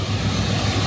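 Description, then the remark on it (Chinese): A combine harvester engine roars loudly back to life after a repair during the wheat harvest in Xin'anji town, Shenqiu, Zhoukou, Henan, a steady, continuous low mechanical drone with a broad rushing noise over it and no voices. “机器的轰鸣声再次响起，那是忙碌的声音，也是心安的底气。”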